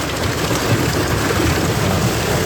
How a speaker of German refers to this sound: Es hat ordentlich runtergehauen. Richtig fette Hagelkörner, teilweise Sturm mit dabei. Unwetter in der Nacht über Thüringen.